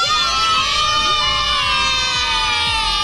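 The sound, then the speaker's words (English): A crowd of schoolchildren shouts loudly on a bus so that its new driver cannot hear, many high-pitched voices overlapping into one steady, excited roar that never lets up for the whole three seconds. “I want you to be so loud on the bus that he can't hear.”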